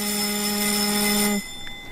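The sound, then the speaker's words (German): The voting gong of the German Bundestag, the signal for a vote: a loud, steady, buzzing electronic tone rich in overtones, held for about a second and a half before cutting off abruptly into near silence. “Das ist der Gong im Deutschen Bundestag, den man viele, viele Male gehört hat und wo man viele Male immer zur Abstimmung musste.”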